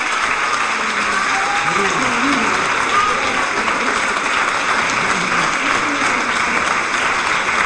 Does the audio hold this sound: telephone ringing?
no